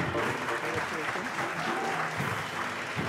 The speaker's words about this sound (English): A huge round of applause for our winners.